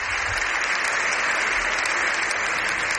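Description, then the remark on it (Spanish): Sustained, steady applause from a large crowd for Pope Leo XIV at the Congress of Deputies, a dense wash of many hands clapping at a constant loud level with no voices standing out. “Aquests són els aplaudiments?”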